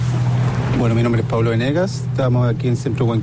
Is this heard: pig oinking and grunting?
no